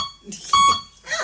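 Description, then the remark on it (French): A single loud, steady electronic beep used as a yes/no signal (one beep yes, two beeps no) lasts a fraction of a second, with brief muffled vocal sounds before and after it and a second beep just starting at the end. “Ah, il parle comme ça? Comment ça marche? Un bip, oui, deux bip, non.”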